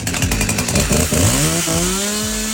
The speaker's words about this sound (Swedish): Det var ju du som träffade honom här, Olle, när han drog otroligt fram sin motorsåg för att fira.